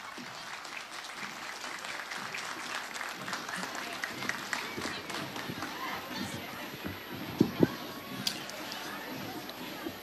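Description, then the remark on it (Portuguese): An audience claps steadily for about ten seconds for the Smalt Fighting Family's tribute to the homeland at the 7 de Setembro parade in Garibaldi, a dense, even patter of many hands with a few sharper claps standing out, and faint crowd murmur underneath. “Vamos aplaudir.”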